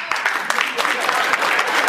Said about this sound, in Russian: А вы без баб пришли, поэтому хлопаете, да?